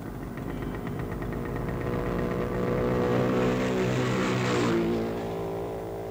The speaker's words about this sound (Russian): Сколько было мотоциклов? А я почем знаю? Штук 5. Ты должен знать. Учись замечать все. Проехало 6 мотоциклов.